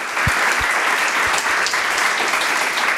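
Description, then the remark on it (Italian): An audience applauds steadily, a dense wash of many hands clapping at a fairly loud level, with a few sharper individual claps standing out at the start, and no voices. “Un applauso, dai, ragazzi.”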